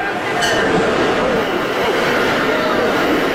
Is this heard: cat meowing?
no